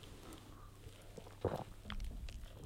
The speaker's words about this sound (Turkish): Bir yudum su alayım.